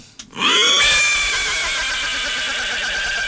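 A horse lets out one long, loud whinny, its high quavering pitch rising sharply then trembling and fading slowly over about three seconds, with no other sounds.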